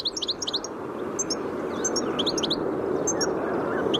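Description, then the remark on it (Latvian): A European goldfinch calls in quick, tinkling bursts of bright, twittering notes, clearly audible over a steady rushing background noise, with several clusters spread across the few seconds. “Dzirdējām dadzīšu saucienu un par viņu stāstīja Latvijas ornitoloģijas biedrības pārstāve Zane Davidsone.”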